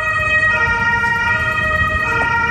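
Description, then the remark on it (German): A loud emergency vehicle siren, with fire engines and ambulances at the scene of an explosion that collapsed a residential house in Görlitz, Germany, blares steadily, its piercing tones held without pause over a low rumble of engine and road noise. No one speaks. “Feuerwehren und Rettungswagen sind vor Ort.”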